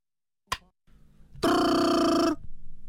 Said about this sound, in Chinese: 电话铃声闯入了张永秀的思绪。